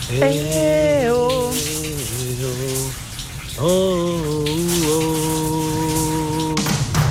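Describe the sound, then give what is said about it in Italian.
Shower water runs in a steady hiss throughout while someone sings loudly over it, holding sustained notes with a short pause in the middle. “Andiamo sotto la doccia, vai, che vai.”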